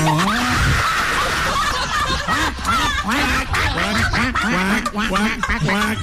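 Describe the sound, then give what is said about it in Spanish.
A voice imitates a duck with a rapid, steady string of loud, nasal quacks, continuous for several seconds. “Es que así suena un pato, pero no me acuerdo de dónde.”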